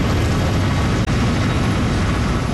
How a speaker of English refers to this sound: Helicopters dip and swerve back and forth.